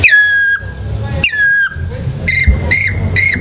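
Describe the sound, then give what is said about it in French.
Someone whistles an imitation of a black woodpecker call: two long, plaintive notes that slide down and hold, then three short, quick calls, all loud over a low background rumble. “Donc c'est ça, c'est l'arbre qui va déterminer le son et en vieillissant justement ce taillis qui grandit, les chants d'oiseaux vont évoluer jusqu'à l'ultime, le pic noir qui est l'oiseau qui a besoin d'arbres qui ont plus de 200 ans.”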